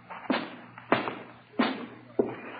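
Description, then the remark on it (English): Four heavy, dull thuds land at a steady pace, each a sharp knock that fades quickly, like a back door being pushed open with a bump, with no one talking. “All right, easy with this door, Ed. Don't let it bang.”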